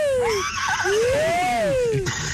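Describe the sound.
A person's voice mimics a horse whinny on a listener call to the Tropicana radio station, rising and falling in wavering, pitch-sliding cries that carry loudly for a couple of seconds.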